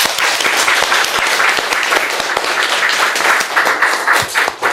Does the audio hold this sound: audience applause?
yes